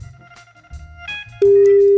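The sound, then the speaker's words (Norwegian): A telephone ringing tone: a loud, steady electronic beep starts abruptly partway through and holds to the end, preceded by a low murmur of background noise and faint tonal hum. “Det bare ringer, så bare ja, slapp av.”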